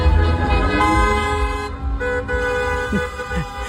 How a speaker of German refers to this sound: Da sind die Ersten vor Begeisterung gleich ins Auto gestiegen und hupend durch die Städte gefahren. In Kassel zum Beispiel, da gab es den ersten Autokorso durch die Friedrich-Ebert-Straße.